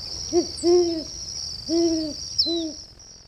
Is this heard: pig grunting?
no